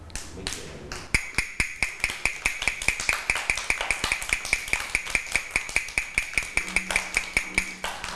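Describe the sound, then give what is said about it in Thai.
A teacher taps out a fast rhythm: a rapid, steady run of sharp knocks, like quick tapping on a wooden block, repeating evenly for several seconds with no one speaking. “คือจังหวะอะไรคะจังหวะเร็วและถ้าครูหญิงเคาะ2ครั้งคือจังหวะอะไรคะจังหวะหยุดนั่นเอง”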